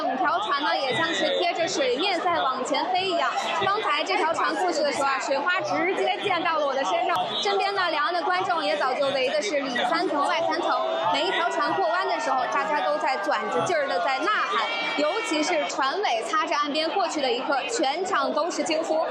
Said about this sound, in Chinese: 身边的两岸的观众也早就围的是里三层外三层。每一条船过弯的时候，大家都在攥着劲儿的在呐喊，尤其是船尾擦着岸边过去的一刻，全场都是惊呼，十分的紧张刺激。